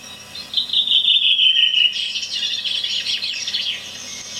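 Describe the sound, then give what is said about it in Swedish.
A bird sings outdoors on Öland in a clear, whistled series of high notes, speeding into a bright trill and then a busier warble, steady with no one talking. “Sen har jag varit nere på Öland och spelat in. Där kom den. Mer klar stämma.”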